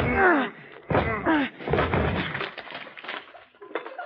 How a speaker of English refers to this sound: the whole lock came right off. I guess the door was rotten.